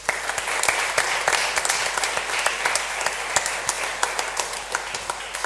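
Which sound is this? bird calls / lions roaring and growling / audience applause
audience applause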